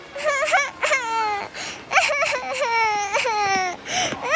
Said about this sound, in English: On graduation day, as he left the oldest building on campus, he noticed a toddler crying. Kindly, he picked her up and wiped away her tears.